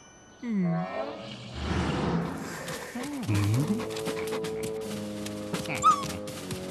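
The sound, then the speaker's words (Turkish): Dogs whimpering in high, wavering whines, with a burst of rapid, breathy panting between them and a few quieter whines trailing off. “Bu köpekleri ele geçirmemiz lazım.”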